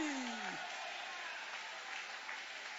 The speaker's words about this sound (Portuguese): Jesus já quebrou esta cadeia. Levanta a mão e aplaude a Ele.